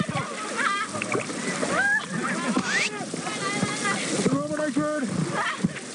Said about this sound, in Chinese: 漂流进入水面狭窄河道，一道大浪劈头砸来，船瞬间被汹涌的浪涛猛地掀翻，整船人连人带船翻进了河水里。